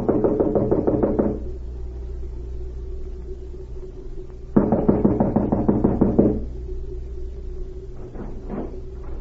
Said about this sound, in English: An hour later, the spy cavalier knocked at the door of a small cottage and was admitted.